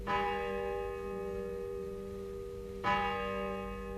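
A church bell rings twice, its sound carried by the wind, each strike blooming into a long, rich ringing hum that lingers and fades, with a steady low background beneath.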